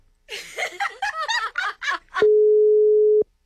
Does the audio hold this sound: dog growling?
no